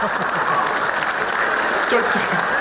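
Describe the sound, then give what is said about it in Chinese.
Steady, dense audience applause fills the whole stretch, a hiss of many hands clapping at an even level with no breaks, while a voice or two murmurs faintly underneath. “就这模样的，你还给鼓掌呢？”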